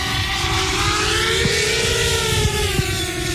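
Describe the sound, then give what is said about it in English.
A drone guided by a pilot with a control stick buzzes loudly as it lifts off and flies, its whining motor pitch rising and easing slightly over a few seconds, with no voices. “The drone begins its flight guided by a pilot.”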